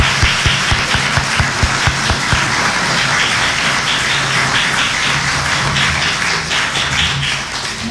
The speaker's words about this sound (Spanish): Por último, le damos el aplauso.